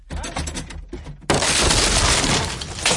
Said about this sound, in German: Junge, Junge, Sie haben die Tür eingetreten.